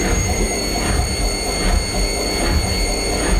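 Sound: washing machine spin cycle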